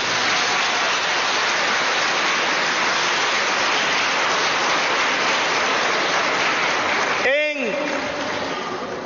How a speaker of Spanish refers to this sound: Ay, mire qué bonito, démosles un aplauso.